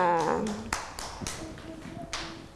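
Children in a school class clap their hands for a classmate in a few scattered, uneven claps, each a sharp crisp slap, after a short burst of voice at the start.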